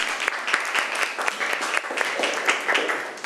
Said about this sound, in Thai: เก่งมากเลยค่ะนักเรียนปรบมือให้กลุ่มที่3หน่อย